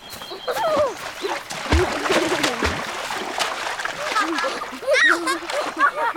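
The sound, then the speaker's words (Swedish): Repeated splashes as people run from a hot sauna and plunge into a lake, with sloshing bursts throughout and excited voices calling out. “Jo, kun alkaa olla liian kuuma saunassa, he laukkovat taas vetteen.”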